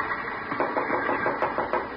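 Knocking on a locked compartment door, a series of about six evenly spaced, hollow raps over a steady background hiss, with no voices.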